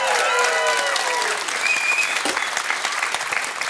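Audience applause welcoming a musical guest on a show, a dense steady wash of many hands clapping at constant loudness, with a few whistles and cheers rising above it.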